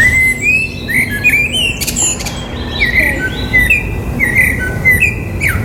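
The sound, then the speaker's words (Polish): A common blackbird sings a string of clear, fluting whistled phrases with twittery flourishes, repeated every second or so against a steady low outdoor hum, prominent. “Wśród 123 gatunków, którym się przysłuchano, najwyżej uplasował się kos.”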